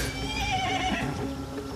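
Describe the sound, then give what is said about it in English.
A horse's whinny rings out clearly, a high, wavering neigh filling nearly two seconds, with a low rumble of other horses in a herd and movement underneath and no talking. “I never have I been so relieved to find a herd of horses.”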